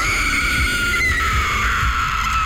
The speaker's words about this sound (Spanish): Nos dimos cuenta del porqué el llanto de la llorona.